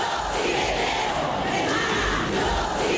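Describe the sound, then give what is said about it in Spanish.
A large crowd at a street protest against sexist and sexual violence shouts and chants slogans such as "Yo sí te creo, hermana" together in a steady, continuous roar of many voices, loud and dense throughout with no single speaker standing out. “Las calles se llenaban y como además eran esos gritos que era lo que estaba en juego, ¿no?”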